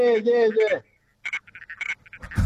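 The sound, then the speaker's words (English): A sunset frog calls: a short, buzzy, tonal croak is followed by a run of quick, clicking pulses with a bright, rasping edge, irregular in rhythm and moderately loud. “Sorry, of that was the sunset frog just chiming in.”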